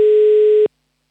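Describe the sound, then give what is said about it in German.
After a telephone number is dialed, a single steady telephone ringing tone sounds loud for about two-thirds of a second, then cuts off abruptly into silence, with no voices present. “So, ich habe hier schon wieder einen Anmeldezettel ausgedruckt und ich wähle hier schon mal eine Telefonnummer und hoffe, dass auch gleich jemand abhebt.”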